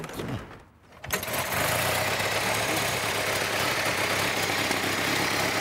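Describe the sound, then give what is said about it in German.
A vintage Ford Model T engine cranks briefly, catches and settles into a steady, rattling idle that runs loud for several seconds, with no one talking. “Der klingt ja wie ein Rasenmäher!”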